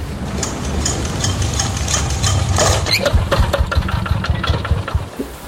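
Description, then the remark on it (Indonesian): A boat engine cranks in a steady, labored churn with rapid mechanical clatter as someone tries to start it, grinding on for several seconds without catching into a smooth run. “Kenapa ini mesin tidak mau menyala?”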